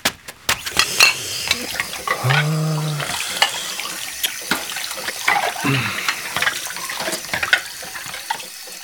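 Dishes clatter and clink in a sink while tap water runs and splashes, with scattered sharp knocks of plates and utensils; a brief low tonal hum rises midway.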